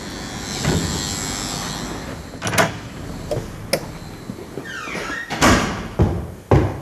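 A door of an apartment building in Paris's 20th arrondissement is handled and opened, with several sharp clunks of the latch and handle, a brief creaking squeak, then heavier thuds as it swings and shuts, over a steady hum.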